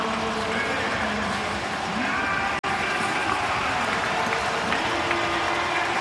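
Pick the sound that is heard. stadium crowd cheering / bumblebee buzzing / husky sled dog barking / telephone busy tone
stadium crowd cheering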